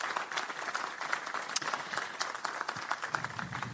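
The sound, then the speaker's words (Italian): Dense, steady applause from a crowd for the two event organisers seated to one side, many hands clapping in a continuous crackling wash that holds at a fairly even level throughout, with no voices standing out. “a cui chiedo per favore un grandissimo applauso.”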